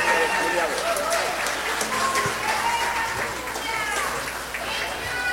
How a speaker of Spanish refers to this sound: Fuerte el aplauso.